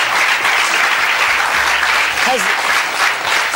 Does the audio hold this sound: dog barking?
no